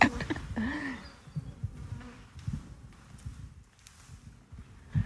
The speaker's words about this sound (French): Bon, en tout cas, elles sont pas agressives, ces abeilles.